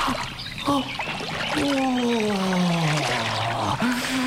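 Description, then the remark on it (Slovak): Stream water splashes and trickles steadily as a person cools off in it, while a voice lets out a long, gliding sigh-like vocal sound over it. “Trochu si oddychnem. Ochladím si vo vode.”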